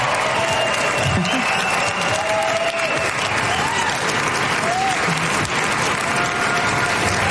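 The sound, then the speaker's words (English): Sustained audience applause as a former hostage walks out on stage, a dense steady wash of many hands clapping for several seconds, with faint crowd murmurs and a few brief voices blending into the noise. “Round of applause he's getting there.”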